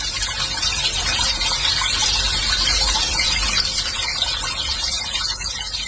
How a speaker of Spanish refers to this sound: ¿En sus casas también sale el agua así? Este es el agua que está saliendo aquí en Guadalajara. ¿Así sale el agua en sus casas?